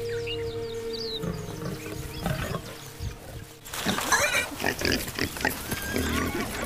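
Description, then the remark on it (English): Warthogs grunt in a rough, snuffling series of low pig-like grunts and squeals. The sounds grow louder and busier in the second half, with no one talking. “Warthogs are a lion's favorite meal, so keeping their young alive is their main preoccupation.”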